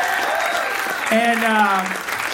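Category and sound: crowd, audience applause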